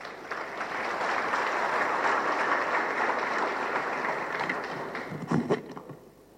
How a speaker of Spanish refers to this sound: Lo recibimos con un aplauso nuevamente.